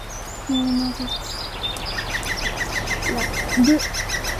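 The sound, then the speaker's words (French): Several birds call outdoors, with rapid high chirps and trills repeating throughout, plus a few lower, hooting notes in the foreground. No one speaks. “Il y a pas d'oiseaux. Si, écoute bien.”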